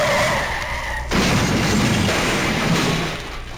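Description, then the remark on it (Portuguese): A car's loud, sustained tire screech gives way abruptly to a heavy crunching crash into another car that rumbles on for a couple of seconds, with no voices. “Ô, seu cretino, você amassou todo meu carro, vai ter que pagar!”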